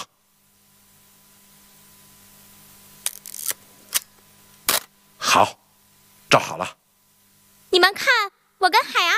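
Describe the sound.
A few sharp camera shutter clicks snap in quick succession as a photo of two people is taken, against a quiet hum, followed by people speaking briefly in short bursts.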